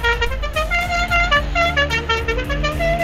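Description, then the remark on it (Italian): The horn of a small three-wheeled Ape van honks repeatedly in quick, bright bursts with slightly shifting pitch, loud, over a low engine rumble, as the van circles a town square to greet people. “Ci riconoscono al volo, fanno un giro della piazza solo per salutarci con un sorriso e suonarci il clacson.”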